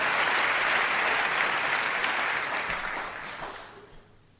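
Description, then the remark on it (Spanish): An audience applauds all the poets, a dense wash of many clapping hands that holds for a few seconds and then fades out toward the end. “Sí, sí, por favor, aplaudan a todos los poetas. Hay que aplaudirlos ahora.”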